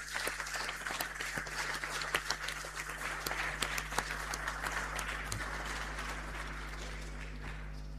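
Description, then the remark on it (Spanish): An audience applauds at the end of a Mass, many hands clapping in a dense, continuous patter that holds an even loudness throughout, with a low steady hum underneath and no voices. “Vamos a darnos todo un gran aplauso de amor, de solidaridad.”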